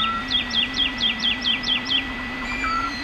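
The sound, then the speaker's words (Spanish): A woodlark sings while hanging in the air before dawn, around 5 a.m. on a full-moon night over the fields of Daimiel: a steady run of about eight sweet, descending whistled notes, fairly clear, over a constant low droning hum in the background. “Y aquí, yo no sé si está madrugando mucho, es que trasnocha, pero a estas horas, hacia las 5, 5 y pico de la mañana, una noche de luna llena, en el cielo, colgada en el aire, hay cantando una totobía, la alondra de bosque.”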